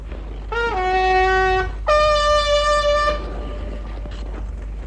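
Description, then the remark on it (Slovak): Two long, steady blasts blown on a horn (trumpet) as a call, the first about a second and a half, the second slightly longer, each a bright brassy tone with rich harmonics over faint background noise. “Nože zatrúb ešte raz”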